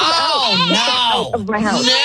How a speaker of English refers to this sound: Came around the front of the house so I could talk to you without the goats making all the noises, and so I don't know exactly what's going on in there.